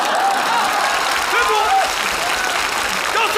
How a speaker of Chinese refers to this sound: 鼓掌也不坐， 不坐就继续鼓。 哎呦喂，来就来吧，还鼓什么掌？地调不用鼓。